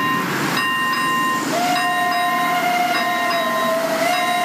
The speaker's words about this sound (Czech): To nabízí řepařská drážka v Kolínských Sendražicích. Kvůli vysokým teplotám jezdí vlaky jen dnes, a to pouze dýzlové.